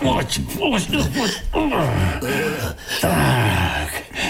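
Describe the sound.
Heavy snoring voiced by a person as a wolf sleeping in a bed, a series of loud, drawn-out, groaning snorts with falling pitch repeating roughly every second, prominent with no other sounds.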